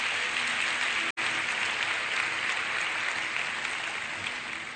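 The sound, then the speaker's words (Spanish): Steady, dense audience applause for the Bible after a scripture reading fills the whole stretch, many hands clapping at an even loudness, with one abrupt split-second dropout early on and no voices over it. “Un aplauso a la Biblia.”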